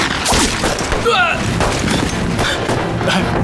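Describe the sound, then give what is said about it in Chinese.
Loud, sustained gunfire crackles in a dense battle barrage from the direction of Laoyazui, sharp shots overlapping with heavier booming blasts in an irregular, rapid rhythm, with a brief shouted cry cutting through near the middle. “听枪声是老鸭嘴方向，大当家的一定是共军开始偷袭了。”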